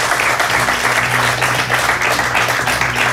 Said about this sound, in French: Et pour remettre ce prix, merci d'accueillir Anne-Laure Jacquemart, directrice financière d'IKEA, que l'on peut applaudir.